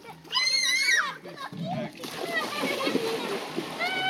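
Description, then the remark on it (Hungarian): Water of the Danube splashes and babbles steadily, with high children's voices calling out at the start before the watery rush takes over. “Csobog a Duna, és véget ér az Optimál mára.”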